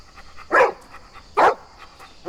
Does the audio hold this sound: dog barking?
yes